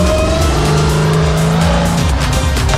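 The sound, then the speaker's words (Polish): A rally car's engine revs hard and steady while tires squeal and scrub against the surface as the car spins, fighting for grip during a timed driving trial, loud, with no voices. “Jak widać, mamy troszkę obrocików, mamy trochę walki z przyczepnością.”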